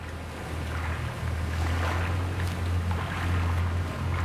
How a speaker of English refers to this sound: You can hear birds and you hear water, and it's like this little strip of wilderness just running through this modern mega city. … and I are gazing over the lapping water of the River Thames in London.